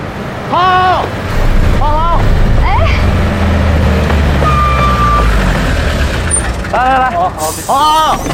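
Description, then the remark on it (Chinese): A low, steady engine rumble of a public city bus runs throughout, idling or moving, with a brief high whine partway through and bursts of indistinct voices over the top near the start and end. “啊，我坐公共汽车来的。”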